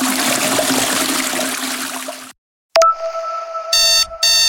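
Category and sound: household object, alarm clock ringing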